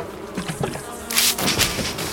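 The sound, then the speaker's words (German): Bees buzz loudly and continuously from a toppled beehive, a dense, agitated swarm whose droning swells and surges in waves as three figures trample the honeycombs and brood. No voices are present. “Aber ein Bienenstock ist umgekippt worden und drei Gestalten zertrampeln Waben und Brut.”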